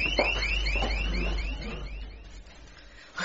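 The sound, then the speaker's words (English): A panic alarm sounds with rapid, repeating electronic chirps, loud at first and then fading away over a few seconds, over a steady low hum, with no one talking. “Panic alarm, somebody,”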